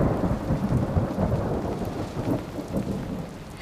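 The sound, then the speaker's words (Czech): Deep, rolling thunder rumbles steadily through a storm, its low growl layered over a soft hiss of falling rain, with no voices. “Ve chvilce bylo nebe jako v jednom ohni a burácení bylo pořád blíž a blíž a pak to najednou začalo.”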